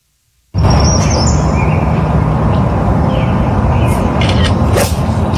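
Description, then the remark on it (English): Bird calls, a whippoorwill and a woodpecker, chirp and tap faintly through a loud, steady wash of rushing noise that begins abruptly and never lets up, recorded on the cell phone that filmed a player's swing. No one speaks. “You hear the whippoorwill, the woodpecker.”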